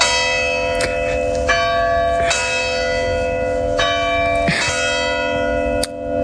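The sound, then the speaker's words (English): Church bells peal steadily, with repeated strikes every second or so and a rich, sustained ringing that overlaps and hums between hits, fairly loud with no voices. “This is so awesome that the bells are going off right now.”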